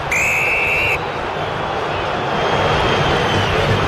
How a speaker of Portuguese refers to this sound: Vaias da Fiel para atuação corintiana nessa primeira etapa, o Fluminense vence o jogo, gol do Hulk, 1-0 aqui em Itaquera.